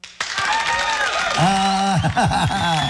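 Loud applause bursts in almost immediately and keeps going steadily, dense clapping from a crowd mixed with cheering and excited voices rising and falling over it.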